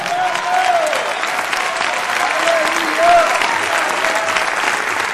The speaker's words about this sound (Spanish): Si usted es parte de esa promesa, mesa, dale un fuerte aplauso al Señor ahora.